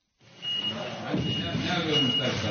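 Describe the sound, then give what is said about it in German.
A forklift's reversing alarm repeats high, steady beeps over construction noise with engine rumble and faint voices, during restoration work at the Church of the Holy Sepulchre in Jerusalem, as a heavy stone hanging on a rope from the forklift's arm is slowly lowered into the floor. “Es klingt wie auf einer normalen Baustelle. Am Arm eines Gabelstaplers hängt ein Seil mit einem schweren Stein, der langsam in den Boden eingelassen wird.”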